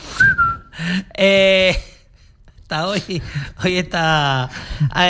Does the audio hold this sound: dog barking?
no